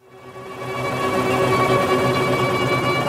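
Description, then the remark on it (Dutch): Sustained, high string tones from a string quartet hold steady over a dense, churning wash of helicopter rotor noise, swelling in from quiet and then staying loud and continuous, with no voices. It is Karlheinz Stockhausen's 1990s piece for string quartet and four helicopters, with the musicians sitting in helicopters. “Oké, ik hoor de helikopters, ik hoor de strijkers, maar dus die muzikanten zitten in een helikopter.”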